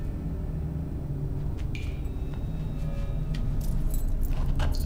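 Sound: keys jangling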